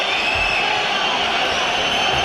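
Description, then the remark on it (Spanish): A football stadium crowd at Mestalla fills the air with a steady, dense murmur during a hydration break in play, an even wash of many voices with no sharp cheers or chants standing out. “O sea, el sonido de Mestalla en una pausa de hidratación, ¿eh?”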